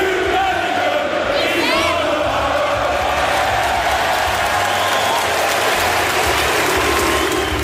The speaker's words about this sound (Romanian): Jude Bellingham s-a întors acasă. Starul Realului a urmărit din tribune amicalul lui Birmingham cu Barcelona, iar fanii din Championship l-au aclamat la scenă deschisă.